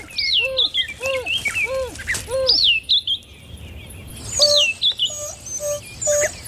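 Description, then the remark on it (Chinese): Repeated high, chirping calls from an African wild dog pack leader summoning its companions in the bush at dusk, bird-like twittering hoots in quick bursts, with a short pause before another series of sharper, warbling calls. “是非洲野犬首领在召唤同伴。”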